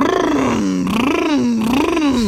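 A voice imitates a Lamborghini Urus SUV engine rumble with a loud, continuous, buzzy growl whose pitch rises and falls in waves for a couple of seconds.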